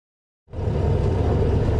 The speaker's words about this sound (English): We're aboard a Black Mamba, a Mexican-made armored car, just a small part of the country's huge security effort to protect the world's teams and fans.